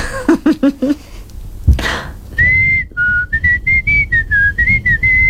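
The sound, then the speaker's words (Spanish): A few short voiced bursts like laughter and a sharp breath, then a person whistles a melody of clear, steady notes that step up and down in pitch, loud and alone. “¿Cuándo silbas? No sé, cuando me sale.”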